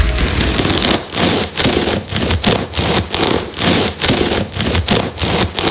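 A knife saws steadily through a crusty loaf, making loud, scratchy, crackling strokes in an even back-and-forth rhythm, about ten strokes with brief pauses between, and no voices.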